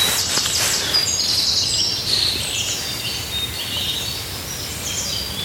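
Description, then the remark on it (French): Chaffinch, great tit and blue tit songs overlap in bright, high chirps and trills over a steady outdoor background hiss with faint rustling and no voices. “Et puis il y a le pinson qui est là. Alors on a tout, hein, charbonnière bleue. Pinson, corneille.”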